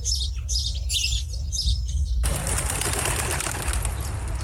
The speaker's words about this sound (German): so viele Vögel. Sorgt dein Gott auch für sie? Unser himmlischer Vater sorgt auch für sie. Im Moment sorgen vor allem die Bauern für sie. Schau, wie viele Körner bei der Ernte übrig bleiben. Und die Vögel picken sie auf.